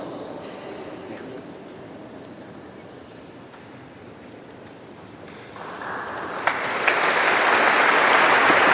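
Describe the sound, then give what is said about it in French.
An audience applauds in the Primatiale Saint-Jean-Baptiste cathedral in Vieux-Lyon, Lyon, to encourage two new priests: steady dense clapping that swells louder and brighter in the last few seconds, with a faint murmur of voices underneath. “Voilà, des applaudissements hein, pour dire toute la joie du peuple de Dieu réuni en la primatiale Saint-Jean-Baptiste au cœur du Vieux-Lyon pour voilà, encourager ces deux nouveaux prêtres,”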